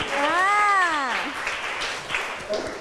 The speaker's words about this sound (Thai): โอ้โหคมมากเด็กๆปรบมือให้เพื่อนหน่อย